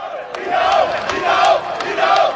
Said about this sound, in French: Il suffit d'un petit geste de la main de Christ Inao Oulai pour enflammer le millier de supporters venus encourager les éléphants.